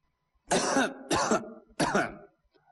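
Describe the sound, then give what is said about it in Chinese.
Three harsh, rasping coughs mixed with throat clearing, evenly spaced, each a loud gravelly burst separated by short silences; a voice performing the coughing. “哎呀，还直打咳嗽，就躺到了袁化吉的家门口，整整躺了两天”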